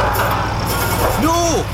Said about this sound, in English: have you ever heard an air conditioner this loud?